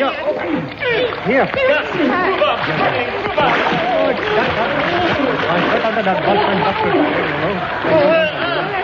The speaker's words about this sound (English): They're flooding the room as well, Neddy. And with water.